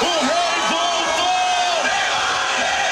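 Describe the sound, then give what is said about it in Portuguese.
Football fans in Bangladesh celebrate a victory by Brazil's national team: a loud, dense crowd cheering and shouting, with overlapping voices, yells and whoops forming a steady roar throughout. “Torcida em Bangladesh faz festa depois da vitória da nossa seleção.”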